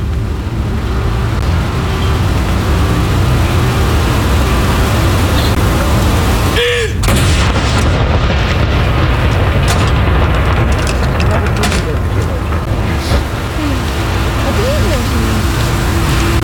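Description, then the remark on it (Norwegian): The second cannon of a salute fired from Akershus Fortress in Oslo booms partway through, a deep blast rising out of a steady, heavy wash of outdoor noise that runs throughout. “Stille og rolig og få med seg salutene derfra nede på kaja. Andre kanon!”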